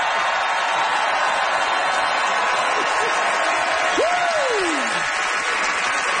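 Steady audience applause for Simon Rakoff's defense of table service fills the whole stretch, a dense wash of clapping at an even level, with a single rising-then-falling whoop or whistle cutting through partway.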